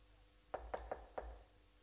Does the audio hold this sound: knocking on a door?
yes